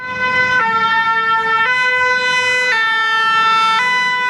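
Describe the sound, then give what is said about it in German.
A fire engine's two-tone siren wails loudly as it drives through the evacuated village of Marche-Primon, 20 km from Bordeaux, beside a wildfire area, switching between high and low pitches about once a second, with a faint rumble of road traffic underneath and no voices. “Ein Feuerwehrzug fährt durch das verlassene Örtchen Marche-Primon, 20 Kilometer vor Bordeaux.”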